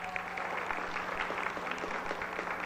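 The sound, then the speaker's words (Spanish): A crowd applauds steadily for a woman from Mexico City being given a football match ticket, a dense wash of many hands clapping at an even loudness for a few seconds, with no voices standing out. “Y empezamos dándole un aplauso, por favor, de la Ciudad de México a Carla Itzel Peña.”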